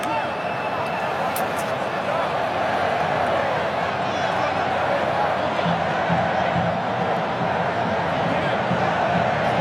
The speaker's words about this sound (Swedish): Nu är det väl ändå hörna för Spanien. Ja, här kommer första hörnan och applåder från de röda utav portarna som är på plats.